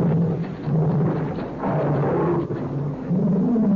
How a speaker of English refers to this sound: Strange sound. I wonder what it is. I don't know. It seems to be an animal of some kind. I've never heard anything like it before. Oh, that's my pet tiger.